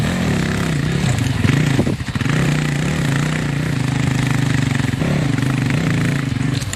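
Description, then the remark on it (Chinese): A motorcycle engine runs loud, a steady rumbling drone with brief dips and surges in pitch as the throttle shifts, with no voices, as a beginner who had never ridden before practises riding it. “他压根就不会骑，退下来了以后，他看到这个摩托车比较新奇，也就比较兴奋。”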